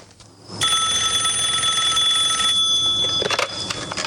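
A telephone rings with a sustained, high-pitched electronic trill lasting a few seconds, then breaks off into a few sharp clicks and handling noises. No one speaks.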